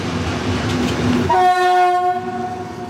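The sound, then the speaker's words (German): A Class 298 diesel locomotive rumbles past, then sounds a loud, sustained horn blast that holds steady for the rest of the moment. No one speaks. “Das war meine Prüfungsmaschine damals. Zumindest von der Baureihe her. Das Ding? Genau, eine Baureihe 298.”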